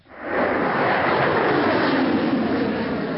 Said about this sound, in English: A missile shoots into the sky, leaving a long white tail behind. Seconds pass very slowly.